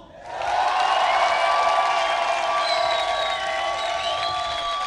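An audience breaks into loud applause mixed with cheering and whoops for one of the acts that performed that evening, swelling in after a brief quiet start and holding at a steady, dense roar until the end.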